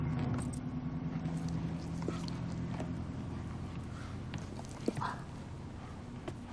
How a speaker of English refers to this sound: Did I hear Jack's truck? Uh-huh. Isn't he coming in? No, sweetie, he's not.